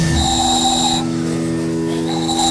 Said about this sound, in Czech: Vyrábil jsem tady takový kuličky, do toho se fouká a se toho robí taková píšťalka.